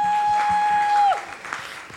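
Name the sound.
audience applause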